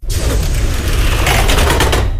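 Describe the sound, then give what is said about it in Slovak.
A metro train roars into a station at night with a heavy, constant low rumble and a dense rush of noise, its wheels setting up a rapid rhythmic clatter toward the end. “Metro sa vrúti do stanice.”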